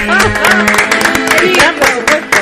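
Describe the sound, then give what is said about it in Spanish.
A crowd claps steadily in a dense, continuous patter, with voices cheering and calling out over the applause throughout. “a esos aplausos”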